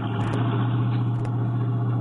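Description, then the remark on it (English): A car engine hums steadily as the car pulls in to park, a low constant drone with a brief bump of noise partway through, with no voices present. “Oh, I'm tying up traffic. I'll find a place to park”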